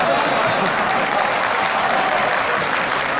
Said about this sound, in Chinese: 还有那个，小包一跨上台说话，谁给我鼓掌，我管谁叫爸。